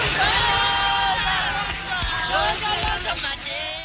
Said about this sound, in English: At the back entrance to the Pretoria court, large crowds gather to watch the accused being driven away to start their life sentences.